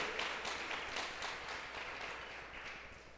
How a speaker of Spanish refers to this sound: Aleluya. Démosle un aplauso a la palabra del Señor. Gloria a Dios.